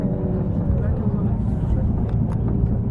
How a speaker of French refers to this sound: des exercices d'appontage. Ceci consiste à ce que des pilotes d'avions de combat s'entraînent à atterrir sur la piste